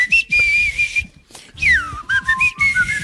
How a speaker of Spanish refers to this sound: Tendría yo que silbar, mira.